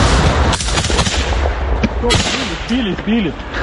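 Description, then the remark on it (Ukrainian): Soldiers open fire with guns at an FPV drone: sharp, loud gunshots crack in a rapid burst, then a few separate shots ring out while voices shout over the gunfire and the drone's steady high buzz hangs in the background. “Хлопці відкривають вогонь.”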